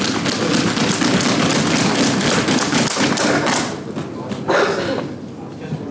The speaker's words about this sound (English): I didn't expect they would all clap.